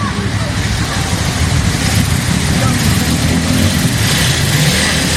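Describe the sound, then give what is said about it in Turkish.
Steady, loud rumble of busy street traffic on a hot day in Kastamonu, with engines droning and a constant wash of road noise, while indistinct voices blend into the background. “Hava sıcak, trafik yoğun”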